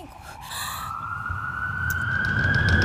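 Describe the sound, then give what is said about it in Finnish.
An ambulance siren wails with a long, steadily rising tone, growing louder as it approaches over a low rumbling background. No one speaks. “Mä soitan ambulanssin.”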